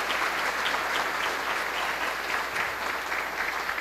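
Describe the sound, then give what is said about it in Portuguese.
Steady audience applause fills the whole stretch, a dense, even patter of many hands clapping without pause or voices on top. “Caprichem, uma salva de palmas para eles, né?”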